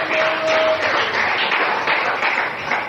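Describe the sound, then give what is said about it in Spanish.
An audience applauds the Lord steadily, a dense wash of many hands clapping at a strong, even level throughout, with no voices standing out. “Dale fuerte el aplauso al Señor en esta hora.”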